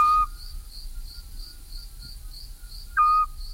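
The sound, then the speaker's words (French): Two short, clear whistled notes from a Eurasian scops owl, a small insectivorous owl, near Issijac, ring out about three seconds apart over a steady, pulsing chorus of crickets on a quiet night. “C'est un petit hibou pratiquement exclusivement insectivore, ce qui explique qu'il ne soit présent qu'en été.”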